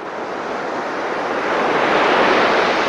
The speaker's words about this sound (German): Das Rauschen von Wellen. Und schwupps steht man mit am Strand, schaut über das weite Blau und schmeckt die salzige Luft auf den Lippen.